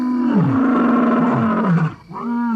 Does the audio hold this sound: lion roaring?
yes